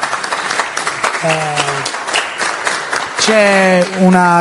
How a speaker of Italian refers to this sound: e quindi a lui dedichiamo questo premio di questa edizione, che è un piatto in ceramica realizzato dall'artista, a cui invito un applauso.